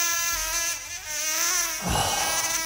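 A mosquito buzzes in a steady, thin, high-pitched whine with a rich harmonic edge, holding on without pause and swelling slightly toward the end. No one speaks.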